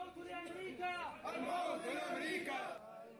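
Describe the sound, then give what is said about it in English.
A crowd of mourners outside a hospital in Mosul, as bodies are carried from the morgue, chants and shouts together, loud and continuous, with overlapping cries rising and falling in a rough, emotional rhythm throughout; one voice among them calls for death to America. “Mourners gather outside this hospital in Mosul as bodies are carried from the morgue. The crowds chant.”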